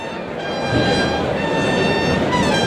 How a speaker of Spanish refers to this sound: Los clarines suenan en la maestranza.